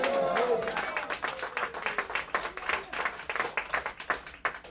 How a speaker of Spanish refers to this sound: Fuerte aplauso.